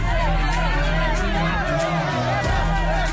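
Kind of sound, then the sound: crowd, crowd celebrating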